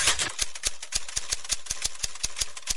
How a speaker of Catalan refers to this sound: Mira detingudament el full dins l'Smith Corona i torna a escriure.